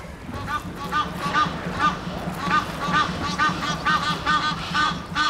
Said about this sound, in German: Ja, einen haben wir. Endlich geschafft. Einer ist ins Netz gegangen. Unter Protest der anderen Vögel.